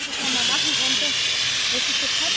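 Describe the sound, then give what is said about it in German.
A steady, loud hissing spray from a water-filled fire extinguisher runs continuously as course participants practice putting out fires on a disaster-relief training ground in Tuntenhausen, with faint voices murmuring underneath. “Danach dürfen die Teilnehmenden selbst üben, Brände zu löschen, fiktiv mit wassergefüllten Feuerlöschern.”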